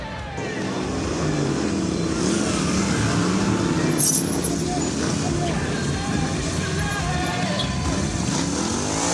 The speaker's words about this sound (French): Là, je ramène la moto, on était trois.